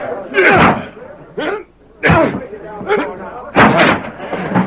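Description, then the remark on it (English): A locked door is battered open with about three loud, booming blows spaced a second or so apart, while voices grunt and call out between the impacts. “The door's locked? Right. Give me a hand. We'll have to break in.”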